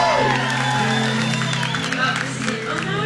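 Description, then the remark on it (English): An audience claps and cheers steadily for about three seconds, with scattered whoops and shouts rising over the dense, loud wash of applause and a low steady hum underneath. “Everybody, make a round of applause,”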